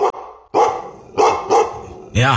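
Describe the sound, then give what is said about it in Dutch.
A large dog barks loudly in a forest, about five deep, forceful barks in an uneven rhythm, the last one drawn out into a more tonal, howling bark. “Een grote hond van 2 bij 2 en die baas was ergens ver achterin, die kwam onze kant op gerend.”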